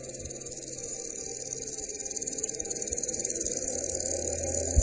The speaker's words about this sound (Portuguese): Um vento veio sobre a terra e ficou durante o dia e a noite. E pela manhã, o vento trouxe os gafanhotos.